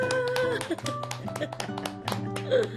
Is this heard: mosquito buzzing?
no